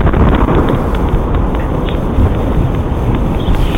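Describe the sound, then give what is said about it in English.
A meteor exploding in the atmosphere, its sonic boom picked up by a Ring doorbell camera in Massachusetts: a loud, steady, low rumbling roar that fills the whole few seconds without a sharp crack, with no one speaking. “You can actually hear the sonic boom as it happens.”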